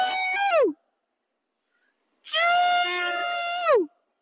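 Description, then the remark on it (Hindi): A man gives two loud, wavering shouts to scare off monkeys at the Parliament complex: a short cry, a pause, then a longer sustained one, each ending in a downward pitch slide. No other talking. “हाँ जी सर, आवाज से ही बंदर भगाते हैं सर।”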